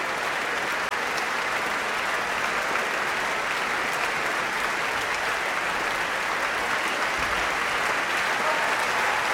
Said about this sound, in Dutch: En hier natuurlijk groot applaus voor de hoornsolisten.